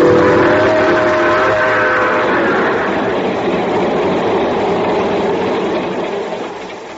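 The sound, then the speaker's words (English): A train bound for Palo Alto, California, heard from its observation car, rumbles steadily as it pulls away, a whistle sounding in a long held tone during the first couple of seconds before the noise slowly fades toward the end. No one speaks. “Well, son, here, sitting in the observation car of the train just pulling off for Palo Alto, California.”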